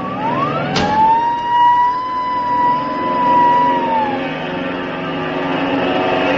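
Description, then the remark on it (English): A loud, already warm small propeller plane engine whines up in pitch, then holds a steady droning roar for a few seconds before easing off as the plane takes off, with no voices. “Luckily, the engine's warm.”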